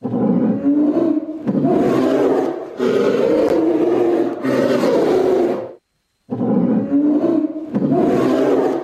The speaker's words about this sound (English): Tiger.